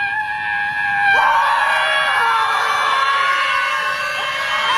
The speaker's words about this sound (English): Is this like the California Scream thing because you're frustrated? It was a Scream protest. They just stood around and screamed.